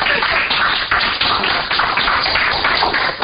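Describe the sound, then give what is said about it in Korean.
A crowd of people clapping together, a dense, steady wash of many overlapping hand claps lasting a few seconds without any talking. “이럴 때 수준 있는 사람들은 박수를 치고 이러질도 알죠.”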